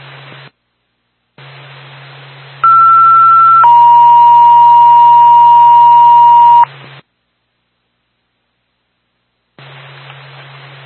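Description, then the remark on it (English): A Twin State dispatch radio paging alert, the second tone for Bethlehem Ambulance: a loud two-tone page, a short higher steady tone stepping down to a longer lower one, set in hissing radio static with silent gaps before and after. “Twin State, Bethlehemino, second tone.”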